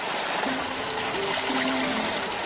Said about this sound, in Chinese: 随着潺潺流水再次充盈水渠，莲田也得以躲过即将到来的高温炙烤。